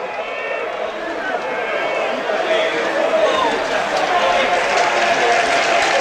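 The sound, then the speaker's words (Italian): A huge stadium crowd of Ascoli football fans roars steadily, celebrating a 4-0 cup victory, dense applause blending with massed voices of fans chanting, the sound loud and continuous throughout with no break. “Arriva un grandissimo applauso prima di tutto e poi eccoli i cori dei tifosi a celebrare una vittoria che mette una serissima ipoteca.”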